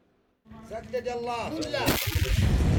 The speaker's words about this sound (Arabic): على وقع دوي المدافع تتجدد المواجهة الضارية في جبهة جبل هان غرب مدينة تعز.